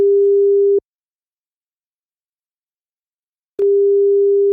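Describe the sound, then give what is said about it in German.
A steady low electronic tone from an outgoing phone call to the Zentrum Klimaanpassung sounds for under a second, falls silent for nearly three seconds, then resumes at the same pitch, with no voices. “Wir verlassen jetzt mal kurz Berlin-Friedrichshain und klingeln durch”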